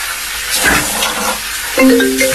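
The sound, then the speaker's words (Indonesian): Tap water runs steadily with soft splashing as someone washes their face; near the end a few sustained electronic tones sound over the water. “Cuci muka dulu deh, biar gak ngantuk.”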